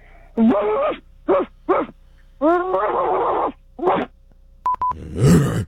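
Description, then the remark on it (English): A person imitates a dog, letting out five irregular barks and drawn-out yelps at moderate volume, followed by two quick electronic beeps and a short, noisy rasping burst. “I don't want to bark too loudly because there's other people watching us right now.”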